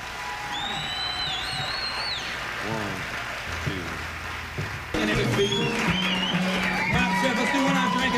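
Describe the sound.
Steady clapping from an audience with shrill whistles rising over it early on, then the crowd noise swells louder as cheering voices and calls mix into the applause.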